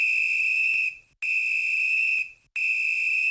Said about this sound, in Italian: Come mai hai fischiato 3 volte? Vigile umano, dici che cosa sta succedendo? Sto cercando di far scendere un gatto da un albero!